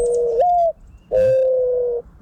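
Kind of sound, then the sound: bird, dove cooing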